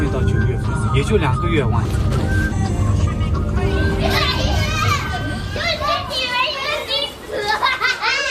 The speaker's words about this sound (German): Ein paar Kilometer vom Kloster entfernt eine Schule. Grundschulkinder unterschiedlicher Ethnien. Am Ausgang stehen Eltern, die ihre Kinder abholen wollen. Manche unterhalten sich auf Tibetisch oder in anderen sogenannten Minderheitensprachen.